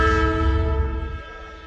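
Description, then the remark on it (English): A train horn blares in a steady, sustained chord over the heavy low rumble of a passing train, loud, the horn and rumble easing slightly toward the end. “Let's check the trains.”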